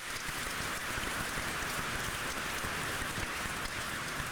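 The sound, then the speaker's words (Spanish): An audience at a Catholic Mass on Father's Day applauds for all the fathers in a steady, dense patter of many hands clapping at once. It holds at an even level for a few seconds with no voices over it. “Un aplauso. Felicidades a todos los papás.”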